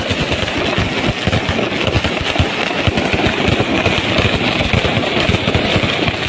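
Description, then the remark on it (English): A loud, dense barrage of fireworks crackles and pops without pause, rapid bangs piling on top of one another in a continuous roar heard outdoors, with no voices: impromptu fireworks set off by Mexican fans in the middle of the night outside the hotel of Ecuador's World Cup soccer team. “Fireworks displays, impromptu fireworks displays, so that the Ecuadorian World Cup team couldn't sleep.”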